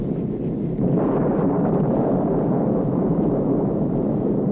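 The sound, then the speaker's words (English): A deep, continuous rumble of a thunderstorm met by an airplane in flight swells in after a quiet start and rolls on steadily, loud and low, with no voices. “this looks like quite a storm”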